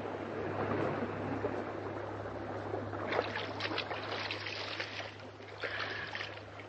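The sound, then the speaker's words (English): Water rushes steadily and loudly, then turns splashy, with bursts of churning and sloshing as swimmers break the surface near a yacht, between two boats. A low, constant hum sits underneath. “Brace yourself so the last rush of water does not knock you from your feet.”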